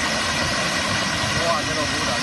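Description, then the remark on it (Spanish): Hailstones up to 5 centimetres across pour down in a storm in Tarragona, Spain, a dense, steady roar of countless hard impacts blending into loud, continuous noise with a gritty, crackling texture and no pauses. “Es, por ejemplo, el sonido ayer en Tarragona, donde cayó pedrisco de hasta 5 centímetros.”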